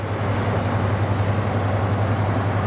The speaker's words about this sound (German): und der Lastkahn vorbeigetuckert ist, dann weiß man, warum es am Rhein so schön ist.